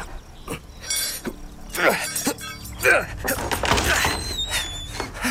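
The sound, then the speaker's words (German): Repeated heavy thuds and cracking blows as a locked door is forced open, with splintering and clattering debris between the impacts and a brief high squeal near the end. “Es bleibt mir wohl nichts anderes übrig, als die Tür aufzubrechen.”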